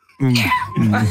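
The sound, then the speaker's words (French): A person imitates a cat with two drawn-out, strained vocal meows, the first with a wavering pitch, the second lower and slightly rougher, both fairly loud with a short dip between them. “Et le chat, ça, c'est un chamouette.”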